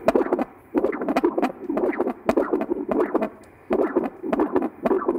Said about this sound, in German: Ist das ein entspannter Herzschlag? Ja. Schlagen die Herzen von Hunden anders wie von Menschen? Ja. Das Herz vom Hund schlägt teilweise so unregelmäßig, weil es atemsynchron funktioniert.